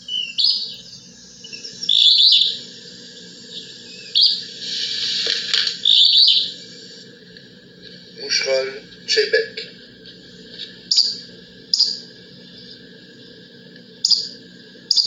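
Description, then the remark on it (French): A willow flycatcher sings short, buzzy two-part phrases, repeated about a dozen times at uneven intervals, clear over a steady low background hum. “Ça, c'est le moucherol des saules.”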